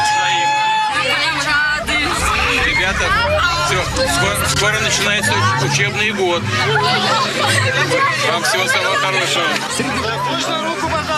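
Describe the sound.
A dense, very enthusiastic crowd fills an outdoor street in Siberia, Russia, during a visit by President Vladimir Putin, with lively, overlapping chatter and excited voices, a steady loud hubbub with occasional laughs and raised shouts, and traffic rumbling faintly underneath.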